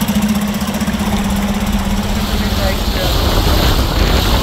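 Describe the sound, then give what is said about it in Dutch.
A motorboat engine drones steadily, its low hum and rushing water noise filling the scene without pause, with faint voices partly buried beneath it. “Soms rijdt hij ook wel iets te hard. Hij rijdt op het water. Ja, vaart, sorry.”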